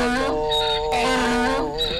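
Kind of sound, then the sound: animal, donkey braying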